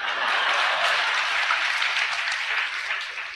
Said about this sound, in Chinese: 哎， 那太好了！各位鼓鼓掌，让他来了。